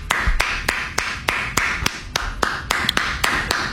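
Hands clap in a steady, brisk rhythm, about a dozen sharp, crisp claps spaced evenly across a few seconds, over a faint low background hum with no talking; a person applauding because he admits he was wrong.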